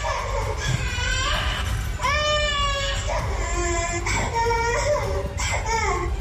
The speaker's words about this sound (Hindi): Video में बच्चा toilet में बंद है, फर्श पर लेटा हुआ है और जोरों से रो रहा है। एक महिला बच्चे के बिलखने का वीडियो बना रही है।